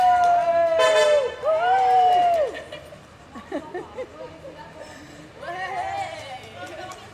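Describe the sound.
A loud, sustained car horn blares for a couple of seconds, followed by street bustle and murmuring voices, then another horn honk sounds toward the end.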